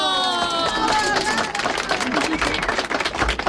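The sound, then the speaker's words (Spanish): A crowd applauds with dense, continuous clapping, joined early on by high whoops and cheering voices, the noisy ovation staying loud throughout. “¡Que suenen esos aplausos!”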